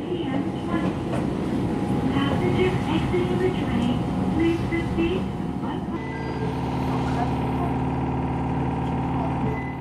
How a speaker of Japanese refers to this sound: さて、列車は桐生球場前駅を発車します。